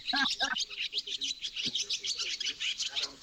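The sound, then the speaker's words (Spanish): A person imitates swallow chirping with rapid, high twittering calls, a couple of voiced chirps at the start followed by a continuous stream of quick tweets, fairly loud. “Dice, todos nos animamos a hacer muchos sonidos de pájaros, pero nadie se animó a hacer el de la palometa.”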